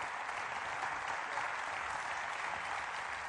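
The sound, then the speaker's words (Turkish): Steady, dense applause from a large crowd cheering a wrestler who has just won his bout, a continuous wash of clapping hands with a faint murmur of cheering mixed in. “Halk şimdi kendisini alkışlamakla meşguldü.”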